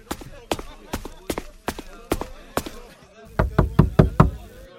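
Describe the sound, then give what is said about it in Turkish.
Knocking on a wooden door of a woman's upstairs room, the first door on the right: a slow, steady run of about seven raps, then a louder, quicker burst of five more as the knocking grows insistent. “Aç kapıyı Marika. Seninle konuşmak istiyorum.”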